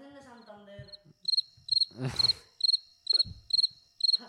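Crickets chirp in a steady, repeating rhythm of short pulsed bursts, clear, with a brief murmur of voices and a rustle partway through.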